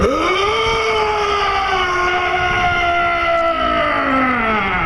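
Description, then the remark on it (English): A person voices a hodag call at the Hodag Calling Contest of the 2026 Hodag Heritage Festival in Rhinelander, Wisconsin: one long, loud, sustained howling roar that swoops upward at the start, holds a steady strained pitch for several seconds, then sags slightly at the end. “That is the sound a hodag makes.”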